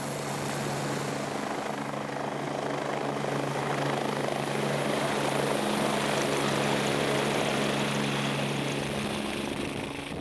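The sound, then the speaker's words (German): A helicopter flies steadily with an avalanche dog on board, being accustomed to helicopter flights for rescues; its loud rotor chop and engine whine drone continuously throughout without fading, with no voices heard. “Die Lawinenhunde müssen sich an Heliflüge gewöhnen, denn bei Rettungen ist der Hubschrauber oft das einzige Fortbewegungsmittel, um in schwer erreichbare Einsatzgebiete zu gelangen.”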